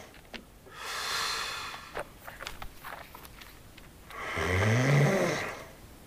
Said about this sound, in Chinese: 他们给我那呼噜打的人能睡着不？